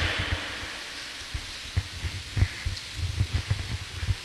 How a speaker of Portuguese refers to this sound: Pronto, esses são os nossos irmãos, uma salva de palmas, né?